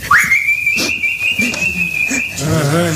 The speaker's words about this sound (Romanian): Ne fluieră stăpânul ca un câine. Vine, vine aici. Ce-o mai fi vrând?